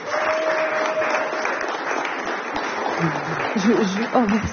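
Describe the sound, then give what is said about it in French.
An audience in the hall of a theatre in Tourcoing applauds steadily during a live France Musique jazz broadcast, for the show Banzai, a dense wash of many hands clapping at an even loudness, with a faint tone early on and a voice emerging over the clapping toward the end. “Moi je propose au public qui est ici d'applaudir”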